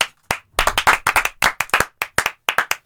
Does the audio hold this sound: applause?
yes